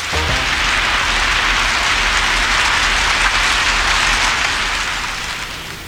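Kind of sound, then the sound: nature, heavy rainstorm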